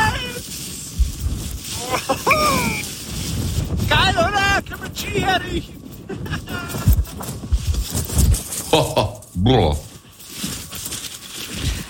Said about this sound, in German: Aber alleine wenn ich diesen Wind schon höre, da könnte ich mir ja die Jacke anziehen.